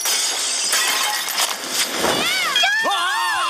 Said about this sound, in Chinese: 嗨，小姐们，我带来了破坏高手，请多指教。哈，砸烂别人的财物超好玩。